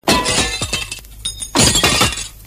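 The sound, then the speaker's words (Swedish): A window pane polished with Clarisol shatters loudly, a sharp crash followed by a spray of tinkling shards, then a second burst of breaking glass with more scattered falling pieces. “Vem som helst kunde ha gått rakt igenom den där fönsterutan, för den fanns ju inte en chans att se den.”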